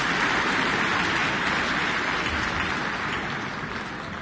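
A large audience applauds after an orchestral concert as the whole orchestra stands, in a dense, steady roar of clapping that holds evenly throughout and eases slightly at the very end. No voices stand out.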